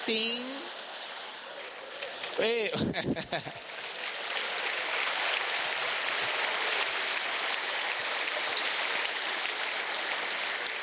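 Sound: audience applause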